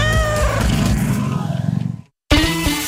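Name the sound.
cat meowing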